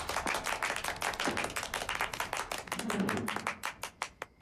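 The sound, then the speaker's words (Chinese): People at a meeting clap in a loose, uneven burst of applause that stays fairly subdued, welcoming comrades of the 2nd and 4th surface-to-air missile battalions; the claps grow sparser and more separate before trailing off near the end. “这掌声不那么热烈吗？”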